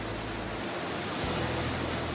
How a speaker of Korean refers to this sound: 거대한 물레방아가 돌아가고 있습니다. 오로지 천연폭포와 물레방아, 자연의 힘만으로 만들어진 동력으로 방앗간을 운영해왔다고 합니다.